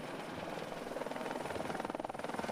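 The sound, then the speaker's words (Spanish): A helicopter, used by Sami herders to round up thousands of reindeer, flies overhead, its rotor chopping in a rapid, steady pulse that grows slightly stronger and more pronounced toward the end, with no voices present. “Los últimos días, con ayuda de motos, cuatriciclos y helicópteros, los Sami han reagrupado a miles de renos.”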